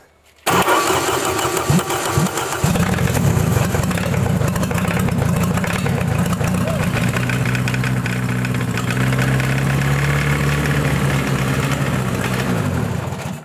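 An engine, turned over by its starter, cranks with a few stuttering bursts, then catches and runs loud and steady, its low idle wavering unevenly with a rough, popping, uneven rhythm instead of a stable idle before cutting off.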